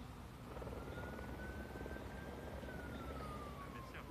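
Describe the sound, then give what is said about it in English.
A helicopter roars steadily, its dense rotor noise filling the whole stretch, with a thin whining tone that slowly rises and then falls, as it airlifts a cow stuck in mud on a mountain in a remote region near the border between France and Spain. “The bovine was airlifted by helicopter after getting stuck in the mud on a mountain in a very remote region near the border between France and Spain.”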